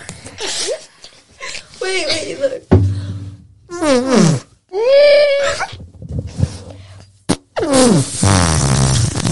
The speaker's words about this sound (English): Oh my God. That sounded like a fart. You farted?